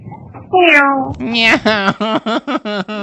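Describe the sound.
A voice imitates a cat, starting with one drawn-out, wavering meow, then a quick run of about six short, high meows in a bouncy rhythm, loud.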